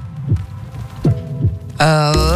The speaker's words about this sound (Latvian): Dzirdi savu sirdi!